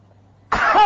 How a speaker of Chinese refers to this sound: 你告诉我，都是丹田，咔一个咳嗽不？ 那没问题，没问题，大点劲儿，大点劲儿。 弹嗽一声